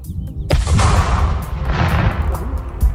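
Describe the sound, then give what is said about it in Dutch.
A controlled detonation of an aerial bomb by the explosive ordnance disposal service (Explosieve Opruimingsdienst), set off outside the city: one sudden heavy blast followed by a long, deep rumble that rolls on for seconds, loud and booming, with no voices. “De explosieve opruimingsdienst heeft de bom buiten de stad laten ontploffen, zien we bij Omroep Brabant.”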